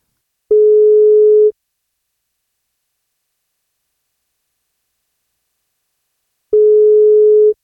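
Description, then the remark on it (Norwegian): A telephone ringback tone sounds twice, a steady one-second beep followed by a long silent gap and then a second beep, as the 1FM breakfast show calls the parents of a newborn in Elnesvågen and waits for an answer. “Vi skal se om vi får tak I Olivia, eller noen av foreldrene. Den som svarer først.”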